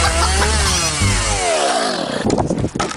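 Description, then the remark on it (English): A chainsaw used in a storm clean-up screams at high revs, then its buzzing pitch slides downward as it bogs into cutting, ending in rough, sputtering bursts. Loud, with no voices. “Hear that? Your neighbour's trying to tackle a storm clean-up solo.”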